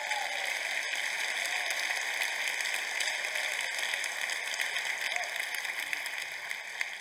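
A crowd claps steadily for about seven seconds, a dense, even wash of many hands with no break or swell, at moderate loudness, with no voices on top.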